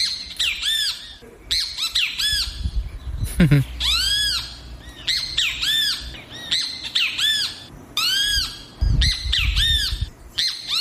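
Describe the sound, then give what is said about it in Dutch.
A great kiskadee, a small bird, calls loudly in Suriname, repeating harsh, ringing squawks in quick bursts almost without pause, over a faint low rumble of background noise. “Dit is een grietjabi. Dat is een kleine vogel. En die maakt dit geluid.”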